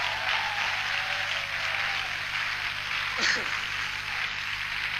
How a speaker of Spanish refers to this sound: Fuerte el aplauso, vamos.